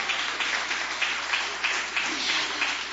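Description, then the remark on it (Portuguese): An audience at a prayer service clapping hands in praise, a steady, dense patter of many claps at moderate loudness, continuous for a few seconds with faint voices mixed in. “Pode bater palmas e dar glórias.”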